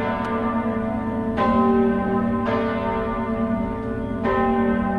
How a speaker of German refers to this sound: das Glockengeläut der Stiftskirche St. Leodigar im Hof in Luzern.